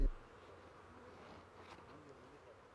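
A soft, continuous hum of bees buzzing, steady and fairly faint throughout, with a sharper thump at the very start and no clear voices.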